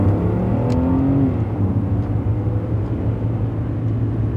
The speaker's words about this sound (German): Und als ob sie der Geschichte eine Wendung geben wollte, stoppte sie ihren Wagen, drehte und fuhr den Weg zurück, den sie gekommen waren.